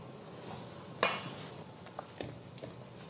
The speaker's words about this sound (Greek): Τώρα, σε αυτή τη φάση που είμαστε, προσθέτω το αλεύρι και τη βανίλια και ανακατεύω με το χέρι.